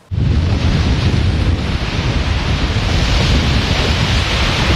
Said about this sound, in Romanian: Pe plaja Modern din Constanța, valurile mării și vântul care a suflat cu putere au creat condiții ideale pentru competiție.